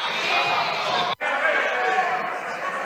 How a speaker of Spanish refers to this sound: Señora Vázquez, salga del hemiciclo. La bancada popular responde con gritos de fuera.